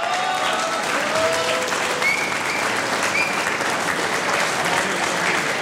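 Steady, dense audience applause for a band, many hands clapping at a constant loud level for several seconds, with a few faint whistles or cheers poking through the clatter.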